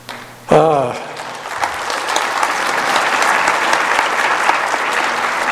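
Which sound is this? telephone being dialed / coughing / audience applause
audience applause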